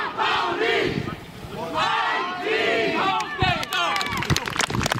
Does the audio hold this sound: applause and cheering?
yes